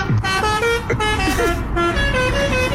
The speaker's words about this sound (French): Utiliser un avertisseur sonore de manière intempestive ou les klaxons interdits. Par exemple, ça.